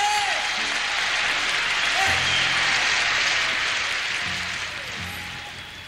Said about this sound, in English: Clap louder now, come on.